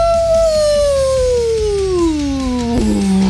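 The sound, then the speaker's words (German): A single long wolf howl, loud, holding a clear tone that slowly slides downward and drops lower at the end, with a low background rumble and no talking. “So machen Wölfe und Werwölfe, wenn Vollmond ist.”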